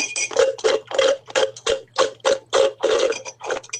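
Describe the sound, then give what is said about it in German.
Someone slurps the last of an iced coffee through a straw, played as a hydration break on Radio Regenbogen: about ten loud, hissy, gurgling sucks in a fast, uneven rhythm, with a faint low hum underneath and no talking. “Und so, lieber Christian, hört sich's an, wenn der Eiskaffee leer ist.”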